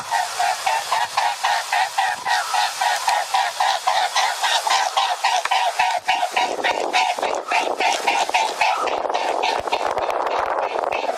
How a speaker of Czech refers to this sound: V tom zvuku si spousta lidí myslí, že je to nějaké ptačí kejhání nebo volání z krku, ale jsou to skutečně křídla labutě velké. Labutě je obrovský a těžký pták, aby se vůbec udržela ve vzduchu, musí ta její křídla pracovat s neuvěřitelnou silou.